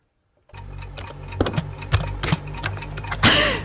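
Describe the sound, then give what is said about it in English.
A man smashes a keyboard with his face and nose: a dense, irregular clatter of loud clacks and thumps over a steady low hum, ending in a harsher burst of noise. “He's smashing that keyboard into his face.”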